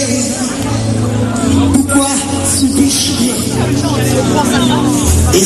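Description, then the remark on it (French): Dense crowd hubbub fills the scene, a steady wash of overlapping voices at an outdoor gathering where some people have come picnic-style, with low rumbling engine noise underneath and no single voice standing out. “moi, la pré-déplace à moi dans la foule de monde”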